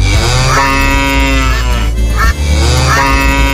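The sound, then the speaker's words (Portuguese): An old ox moos loudly, two long, drawn-out bellows, the first lasting about two seconds and the second following after a brief pause, with no talking. “Sai pra lá, boi velho, se aquieta.”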